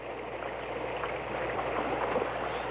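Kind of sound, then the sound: nature, rushing river water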